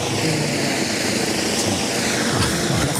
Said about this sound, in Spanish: Ahora justo se nos ha posado encima un helicóptero, pero ya abandona el lugar. Hoy vamos a tener helicóptero todo el día